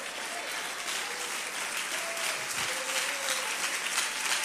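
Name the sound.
audience applauding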